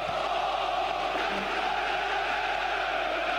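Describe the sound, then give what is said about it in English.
A large Ghanaian stadium crowd at the Cardiff Stadium roars and cheers, celebrating a goal for Ghana against Wales, in a dense, steady wash of voices, holding an even loudness throughout with no single voice standing out. “And look at the Ghanaian crowd. Very at the Cardiff Stadium. Very ecstatic. They are happy. They are jubilating.”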